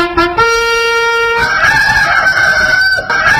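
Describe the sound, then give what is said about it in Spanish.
A rooster crows loudly on its own: a couple of short clipped notes, then a long, drawn-out, strained crow that jumps higher in pitch partway through and holds. “A ver, te lo veo alegre, gallito. A ver, toque algo alegre.”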